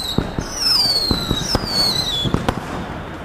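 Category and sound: sound effect, firecracker exploding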